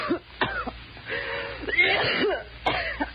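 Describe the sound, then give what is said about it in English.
A person coughs repeatedly, harsh, raspy bursts at about 0.4 s, 2.0 s and 2.7 s, with strained, wheezy breathing and throat rasping filling the gaps, fairly loud with no talking. “You got a bad cough.”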